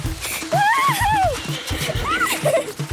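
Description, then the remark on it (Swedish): Horse hooves gallop over gravel in a quick, steady rhythm, loud, while a horse whinnies twice above the pounding hoofbeats. “red Pippi ut genom porten så att småstenen yrde om hästhovarna”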